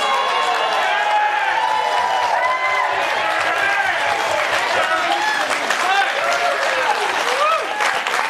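A studio audience breaks into loud, sustained applause with cheers and whoops mixed in, a dense wall of clapping that stays steady for the whole stretch.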